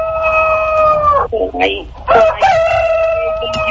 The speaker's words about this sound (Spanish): A ver, ahí se oyen gallos, señora. Señora, ¿se oyen gallos, señora?